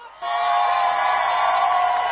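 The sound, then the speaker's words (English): A crowd at a plaza bursts into loud, sustained cheering and whooping after a brief quiet moment, a dense roar of many voices that holds steady for about two seconds. “The crowd is electric over here. Make some noise.”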